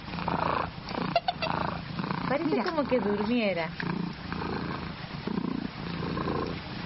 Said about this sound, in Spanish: Eso, es un gatito hecho y derecho. Eso. Venga, ¿qué sabes tú del ronroneo de los gatos? No queda muy claro cómo... Ahí está ronroneando, hermana.